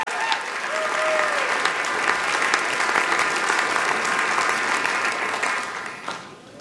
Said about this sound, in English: Give it up one more time